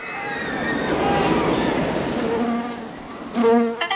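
A bee's steady buzzing hums at moderate loudness for several seconds. It thins out midway, then returns as a brief, sharper burst of buzzy tones near the end.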